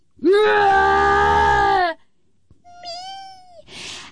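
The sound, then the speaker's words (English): A person imitates the yowl of a crippled, brain-damaged cat: one long, loud, wavering wail with a steady pitch, a short pause, then a thinner rising meow-like cry ending in a breathy hiss. “And I say, it's the cat.”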